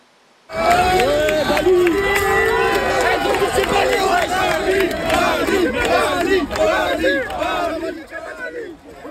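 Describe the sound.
A large crowd of protesting students facing gendarmes in Saint-Denis, France, as gendarmes use gas to disperse them, shouts and yells, many voices overlapping in a loud, continuous roar that begins abruptly and thins out slightly near the end.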